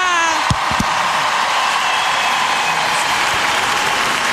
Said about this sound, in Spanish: ¡Fuerte el aplauso para el caballero de la salsa,